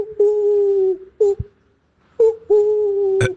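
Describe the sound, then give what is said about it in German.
A person imitates an owl in a voice message, with two long, steady hooting calls, each opening with a short clipped note and then holding a sustained tone before ending with a brief noisy burst. “Finde ich bisher eines der besten Eulengeräusche, die ich bekommen habe.”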